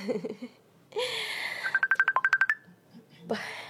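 A cellphone's video call ringtone plays as a quick run of about nine short, bright electronic beeps between bursts of rustling noise and faint muffled sounds.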